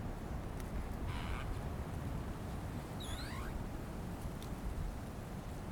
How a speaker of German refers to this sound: Schweigen, das Rauschen der Blätter.